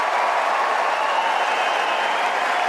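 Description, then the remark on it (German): A large crowd at Wimbledon's Centre Court applauds steadily as Alexander Zverev walks on for his semifinal against Arthur Fery, a dense, continuous wash of clapping with no pauses or build, sustained at full volume throughout and heard alone without any talking. “Und dass die Atmosphäre dort ganz besonders ist, hat Zverev schon beim Einlaufen im Halbfinale gegen Arthur Ferry gemerkt.”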